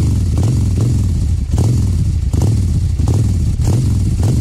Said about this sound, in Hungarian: Na és lesz motoros effekt, ezt pedig már is mutatom, na figyúzd!